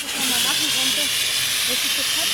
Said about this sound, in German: Danach dürfen die Teilnehmenden selbst üben, Brände zu löschen, fiktiv mit wassergefüllten Feuerlöschern.